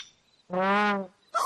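A big bird lets out one loud, drawn-out honking call lasting about half a second, followed moments later by a short, harsher burst of sound.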